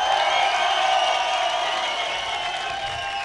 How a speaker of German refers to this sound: Okay, der nächste Applaus geht an